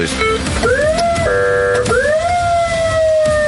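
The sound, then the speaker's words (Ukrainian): The loud electronic special sound signal siren of a Desna armoured vehicle being switched on after its flashing beacons, sweeping upward in pitch, switching briefly to a steady buzzing tone, then rising again into a sustained high wail, with small clicks between patterns. “І включаємо СГУ.”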